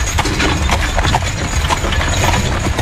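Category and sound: vehicle, horse-drawn carriage hooves clip-clopping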